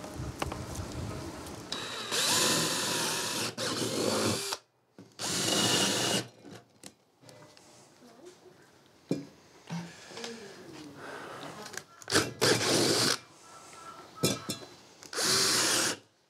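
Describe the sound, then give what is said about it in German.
A power drill whirs in several loud bursts of a few seconds each, spinning up and boring holes for test tubes to be filled with water, with quieter handling clatter and pauses between the runs. “Löcher bohren und dann die Reagenzgläschen rein, mit Wasser füllen, die ganzen Blumen schön stecken, dann die Wurzeln.”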